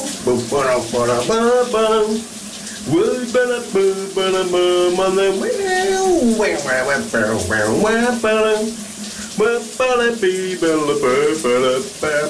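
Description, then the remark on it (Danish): A man sings loudly and continuously, his voice echoey, over the steady hiss of a shower running throughout. “Vi skal under bruseren.”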